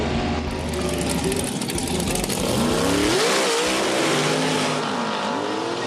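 A dragster racing car engine roars loudly and steadily at a dragster competition, its pitch sweeping up and down as it revs, with a harsh, crackling rumble throughout and no voices.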